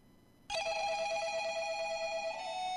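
A cellphone rings with a bright, steady electronic tone that starts abruptly and holds continuously at a fairly loud level, with no voices present.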